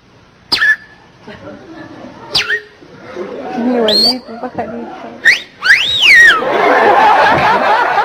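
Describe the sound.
A person whistles a series of bird-like chirps and rising, swooping notes, playfully imitating a female bird whistling flirtatiously, interspersed with breathy giggles and soft vocal sounds, ending in a noisy burst.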